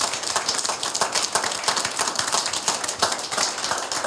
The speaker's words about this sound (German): Sollten Sie sich dieser Meinung anschließen, vielleicht einen kleinen Applaus für alle, die diese Veranstaltung heute präsentiert haben.